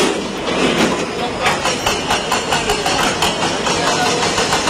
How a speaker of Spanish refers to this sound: Este es el sonido en directo de esos trabajos para poder recuperar a personas entre los escombros.